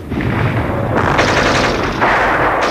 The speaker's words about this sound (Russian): Мы отстреливаемся 4 пулеметами. На 2 пулеметчики, на 2 Чумак с Корноуховым и я с Валегой.